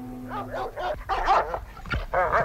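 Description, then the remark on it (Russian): Two chained shepherd dogs bark and yelp in a yard in quick, overlapping bursts, loud, with a few sharp yips and whiny tones between the barks, as they rush at someone who has climbed over the fence. “К нему уже рвались 2 овчарки.”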